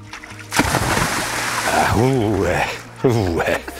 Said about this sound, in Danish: Og du har lovet at slutte af her med en vandbombe